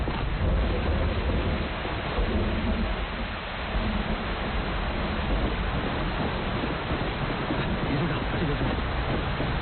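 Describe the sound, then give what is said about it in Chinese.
Rain falls in a dense, steady hiss that holds at an even loudness throughout, with a low rumbling undertone beneath the broad wash of noise. “哎，下雨了，咱们先到前面避避雨吧，快走快走。”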